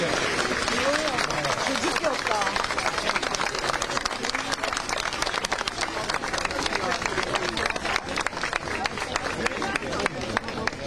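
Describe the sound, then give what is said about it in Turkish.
Sustained applause from an outdoor crowd of parents outside an exam building as the exam ends and students come out, in hot weather; dense clapping with cheers and chatter mixed in, steady and loud throughout. “Aslında size gelebiliyor mu bilmiyorum ama velilerden de alkış.”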